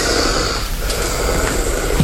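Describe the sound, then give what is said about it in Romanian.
Close, steady snoring with a rough, breathy rasp that continues through the whole short moment, with no talking over it. “Cum sforăie.”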